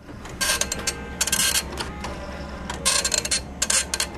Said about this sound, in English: An old printer clacks as it produces an image from the first version of Microsoft Paint.